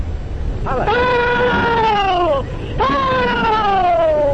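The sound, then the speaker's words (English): About eight Confederate Civil War veterans, all at least in their 80s, let out the rebel yell at a Civil War memorial event recorded in the 1930s: two long, loud, high-pitched whooping cries, each wavering and sliding downward in pitch, with a brief pause between them over a low background rumble. “One by one, the old veterans perform their war cry, which was last heard on a field of battle over 150 years ago.”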